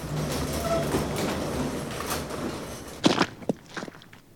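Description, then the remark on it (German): The large gate of a white marble garage rumbles and rattles mechanically as it slides open by itself, ending in a few loud metallic clanks and thuds as it comes to a stop. No voices. “Das große Tor der weißen Marmorgarage öffnet unserem Hans Ludwig von der Seim ganz wie von selbst und ganz wie erwartet die große Einfahrt”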